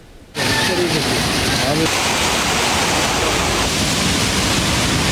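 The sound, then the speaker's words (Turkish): A loud, steady roar of heavy autumn rain and rushing floodwater in Turkey, with roads turned into lakes and streams overflowing, cuts in abruptly after a brief quiet moment and continues unbroken, a dense hiss spread across the whole range. “Sonbaharla beraber şiddetli yağış da geldi. Yollar göle döndü, dereler taştı”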